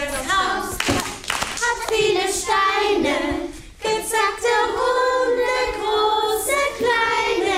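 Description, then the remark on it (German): A group of children sing a bright, steady song while clapping along in an irregular beat and doing the accompanying movements, rehearsing for a summer concert; the sharp claps cut through the sustained voices. “Die Kinder sind mit Begeisterung dabei, singen, klatschen und machen die Bewegungen mit.”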